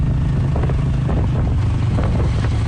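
A steady engine drone rumbles close by with heavy wind buffeting the microphone, like riding a motorbike at speed, continuous and loud with no voices.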